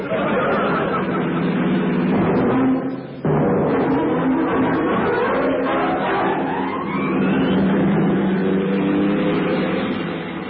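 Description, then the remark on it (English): A car engine roars loud, revving hard as it accelerates, its pitch climbing steadily upward after a brief drop, with a faint murmur of voices underneath. “What's the world land speed record? Oh, about 390 miles an hour. Hmm. Hang on, I'm going to have a go.”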